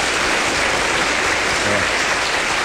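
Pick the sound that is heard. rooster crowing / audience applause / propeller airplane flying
audience applause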